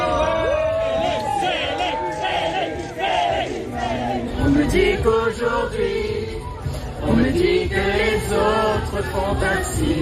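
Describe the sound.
A crowd of fans sings a song together in loose unison, many voices slightly off-key, with rising cheers and shouts swelling through the steady, loud chorus.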